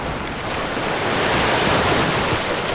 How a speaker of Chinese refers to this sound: 大风吹拂着海面，海水有规律的起起伏伏。